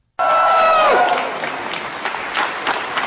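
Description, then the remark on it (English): A crowd applauds loudly and steadily for a Nobel Prize winner, dense clapping filling the whole stretch, with a brief cheer or shout sliding downward at the very start. “If you clap a little bit more, I may share this prize with Trump.”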